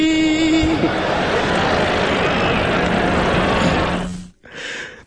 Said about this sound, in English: There's concern in the crowd. There's a buzz. There's laughter.